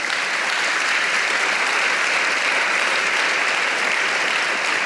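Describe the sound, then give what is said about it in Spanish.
An audience claps hands for the Lord in a dense, sustained burst of applause lasting the whole stretch, loud and steady, with no individual claps standing out and no speech over it. “Pero ¿sabe qué? Dele palmas al Señor.”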